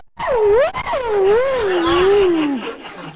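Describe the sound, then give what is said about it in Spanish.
A voice imitates a dog's whining howl: one loud, sustained, wavering cry that rises and dips in pitch for about two and a half seconds before sliding down and fading. “dice, pero algo le pasa, porque debe tener una garrapata, algo, está aullando.”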